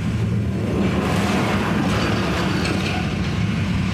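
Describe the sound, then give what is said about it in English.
A heavy logging truck's engine drones steadily throughout, a low continuous rumble with some mechanical rattle, sounding muffled, with no voices. The sound was picked up by a monitoring alert. “Picked up the sounds of logging trucks.”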